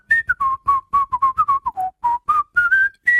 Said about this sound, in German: Das war gepfiffen.